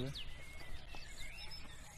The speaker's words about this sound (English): First wren, wasn't it? It was a wren, wasn't it?